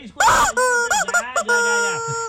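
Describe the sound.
A short jingle of the radio station Olímpica Estéreo, loud, with a processed, melodic voice gliding up and down over bright, sustained tones for about two seconds.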